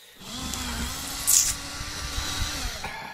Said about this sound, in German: Jetzt bohre ich ein Loch in die Nuss. Das muss man bei einer dieser kleinen Vertiefungen hier machen. Na, dann spanne ich die Nuss einfach in den Schraubstock ein. Haha. So. Na? Okay, Bohrmaschine.